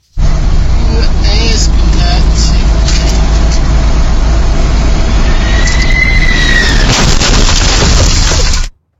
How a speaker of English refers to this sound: Harrowing dashcam video from inside the bakery truck showed the moment of yesterday's collision.